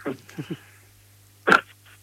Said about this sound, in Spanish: Perdón. Salud, te vino un estornudo justo.